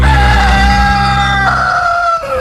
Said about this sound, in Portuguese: 4:38, canta galo.